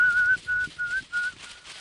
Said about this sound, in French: L'homme siffle.